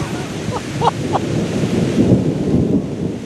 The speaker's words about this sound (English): So we just parked, and it is starting to thunder and rain. So perfect conditions for knocking on doors, right?